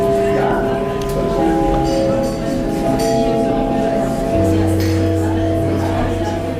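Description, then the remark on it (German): A theatre gong at the city theatre in Baden-Baden sounds in sustained, ringing chime tones, calling the audience into the auditorium; the tones overlap and linger, with a deeper tone joining near the end, over the steady murmur of a crowd chatting. “So kennen wir das Theater. Der Gong ruft uns in den Zuschauerraum.”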